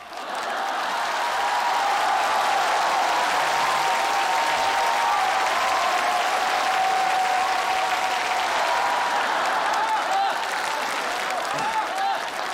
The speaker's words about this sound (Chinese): 这都吹瓶了也不鼓掌，掌声不停我不停啊。